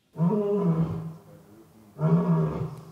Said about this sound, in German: Der frisch gebackene Löwenpapa Boti ruft.